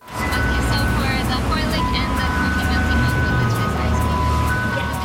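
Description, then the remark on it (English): An ice cream truck in Richmond, British Columbia, serving soft serve cones in summer, plays its tinkling jingle over a steady idling engine rumble, the tune continuing throughout with faint voices murmuring in the background. “The sound of summer in Richmond, British Columbia. An ice cream truck doling out cone after cone of soft serve.”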